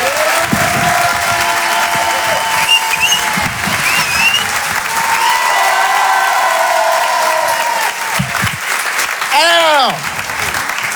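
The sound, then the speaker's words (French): Loud, sustained applause from a large audience at the Rire et Chanson Comedy Club, welcoming comedian Edgar Yves, fills the whole stretch, a dense roar of clapping with some cheering and whistles mixed in, never letting up. “Je vous demande de faire un maximum de bruit, un tonnerre d'applaudissements pour Monsieur Edgar Yves.”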